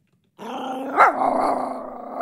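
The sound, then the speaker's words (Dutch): A dog growls low and steadily, breaking into a sharp bark around the middle, then rumbling on aggressively before another bark-like burst at the end. Fairly loud, no talking. “de hond.”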